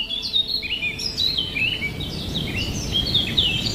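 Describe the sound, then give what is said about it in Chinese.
Several birds chirp and tweet in quick, high-pitched bursts throughout a forest chorus, layered over a steady low rumbling background, with no voices. “在饥肠辘辘的鸟儿苏醒之前”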